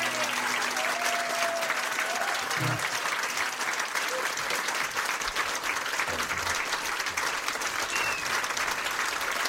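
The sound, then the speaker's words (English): A dense, steady wash of audience applause, many hands clapping at once in a continuous roar that holds at an even level throughout, with a faint murmur of voices underneath. “Lots of applause there.”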